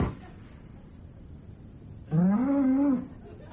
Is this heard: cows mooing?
yes